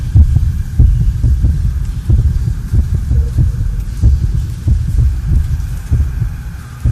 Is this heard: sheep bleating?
no